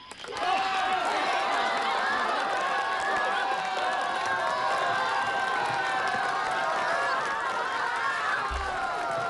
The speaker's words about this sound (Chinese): 欢迎参加紫云英音乐会，同学们、老师们、父老乡亲们，让我们用最热烈的掌声和欢呼，欢迎我们的紫云英合唱团走进盛开的花田。